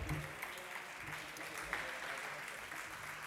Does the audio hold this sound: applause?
yes